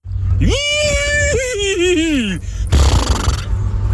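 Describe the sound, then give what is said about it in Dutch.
A man's voice imitates a horse whinny, rising sharply then wavering down over about two seconds, loud, followed by a breathy exhale and a low background hum. “is heel Nederland benieuwd hoe klink jij als, als paard.”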